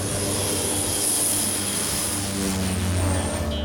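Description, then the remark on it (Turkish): A 208 propeller plane's engine roars steadily and loudly for a few seconds, a dense droning hum with a high whine on top, as the aircraft powers up to take off from an ice runway, heading home. “208'i buz pistinden çıkarıp eve doğru yolluyor.”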